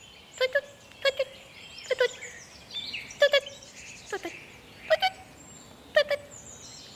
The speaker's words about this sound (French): La citelle torche-pot. Chant. Un tui-tui-tui répété et sonore ou une trille plus rapide. Brrrr. Pousse aussi des cris sonores sifflés. Tuit-tuit-tuit. Et aussi des tsit tvet tvet d'alarme. Tsir strident.